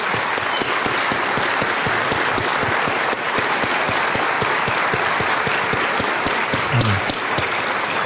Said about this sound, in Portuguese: Amém. Amém. Glória a Deus. Pode aplaudir.